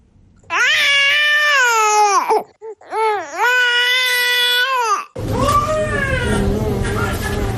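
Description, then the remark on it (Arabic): An infant cries loudly in long, wailing bursts with a brief gasping pause between them, then the crying continues more raggedly over a noisy, rumbling background; the hungry baby is crying to be breastfed. “هذا الصوت يؤكد للأم رغبة الطفل وحوجته إلى الرضاعة”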